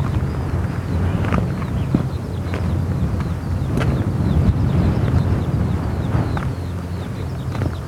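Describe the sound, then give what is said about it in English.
Sea waves wash in a steady, low rumbling roar that never lets up, with a few faint, high chirps flickering above and occasional gusty buffeting, heard at a spot with a view to the sea, a cemetery and a tumbledown church. “View to the sea, cemetery, tumble down church, the sound of waves.”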